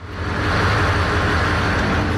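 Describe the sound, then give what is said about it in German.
The engine of the ferry Frisia 6 at sea, bound for Norderney, drones steadily. It is a loud, even rumble with deep throbbing low tones and a broad hiss of wash and machinery, unchanging throughout, with no voices. “So klingt ein richtiger Dampfer”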